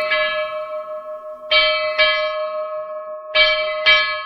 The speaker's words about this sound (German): Aber nun zurück zur Hafenbar und Andi, dann lass doch nochmal die Schiffsglocke erklingen.